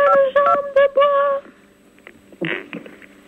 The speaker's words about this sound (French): Merci pour celui qui s'amuse avec cette touche de téléphone.